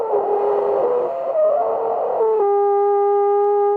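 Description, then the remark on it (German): A three-piece alphorn, made to screw apart for carrying in a car, blown in one long, loud breath: a rough, wavering brassy tone that shifts pitch unsteadily, then settles into a steadier, brighter held note until the end. No one speaks. “Klingt wie ein Elefant mit Zahnschmerzen.”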